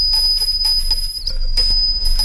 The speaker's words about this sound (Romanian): Sună clopoțelul.